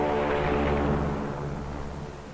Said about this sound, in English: On the water, the great PBM makes her takeoff run. Her jet assist bottles blast. She lifts quickly into the air